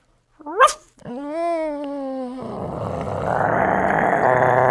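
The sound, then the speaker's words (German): A voice imitates a small dog that grows ever bigger: a quick high yelp, then a sustained whiny howl, breaking into a rough, growling noise that grows louder and harsher, clear. “Ein kleiner Hund.”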